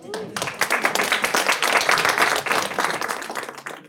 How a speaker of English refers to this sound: Well, everyone give Rick and Chandra a round of applause.